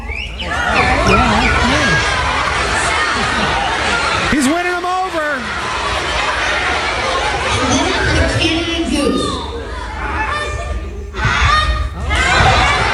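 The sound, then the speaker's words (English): A boy's voice mimics a Northern Cardinal's song with a few sliding, whistle-like notes, heard over a busy background of crowd chatter and light laughter. “It's one of my favorites, the Northern Cardinal.”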